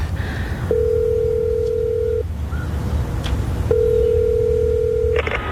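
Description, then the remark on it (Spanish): A telephone ringback tone purrs twice, each steady beep lasting about a second and a half with a pause between, heard clearly over a low background hiss as a call waits to be answered. “coge el teléfono.”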